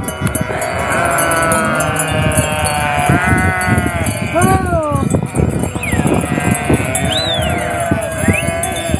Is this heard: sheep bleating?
yes